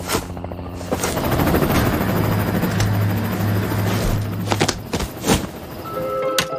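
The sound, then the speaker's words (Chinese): A loud aircraft roars as it flies toward the listeners, a steady, heavy droning rumble that fills the whole stretch, with a few sharper bursts toward the end and no one speaking. “哎，朝这边飞来了，快躲起来。”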